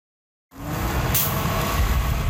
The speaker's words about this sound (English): One of the last 10 double-decker buses in Ottawa pulls into Tunney's Pasture Station. OC Transpo has recently retired 67 of them, saying they're simply too expensive to maintain.